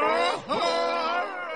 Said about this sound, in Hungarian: A Kyklopsz felüvölt.